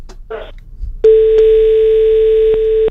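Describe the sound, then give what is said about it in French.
A telephone rings with a loud, steady electronic tone lasting about two seconds, marked by faint clicks, after a brief rustle and a short burst of noise. “Ah, le téléphone sonne, ne quittez pas madame, on vous passe quelqu'un.”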